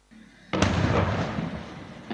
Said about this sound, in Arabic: من جديد، الجنوب اللبناني تحت النار، قصف إسرائيلي يطال حول ووادي سلوق وحاريس، دخان هنا يتصاعد من محيط البلدات. وفي عيتا الجبل، قوات إسرائيلية تتقدم تشعل الحرائق عند الأطراف، وفي طلوسة تفجيرات جديدة، وبين مركبة وبني حيان انفجارات تهز المنطقة.